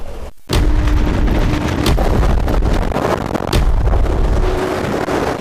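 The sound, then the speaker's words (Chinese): In the wind tunnel laboratory of Beijing Jiaotong University, a powerful roaring rush of simulated gusty wind, as met when holding an umbrella in rain, starts abruptly after a brief quiet moment and blows steadily and loudly, with sharp buffeting thumps against the microphone. No one speaks. “记者近日走进了北京交通大学风洞实验室，用模拟实验揭开了其中的安全隐患。”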